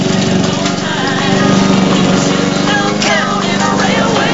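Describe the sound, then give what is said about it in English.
A lawn mower engine runs steadily and loudly in a back garden, its droning hum mixed with gritty scraping and crackling as the blades churn through a dry dirt patch, creating clouds of dust. “mows mud in the back garden, creating clouds of dust.”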